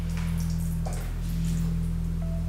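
A thin stream of 44-degree sesame oil trickles and drips softly and steadily as it is poured over a person's forehead during an Ayurvedic forehead oil pour, nearly masked by a constant low electrical hum, with no voices.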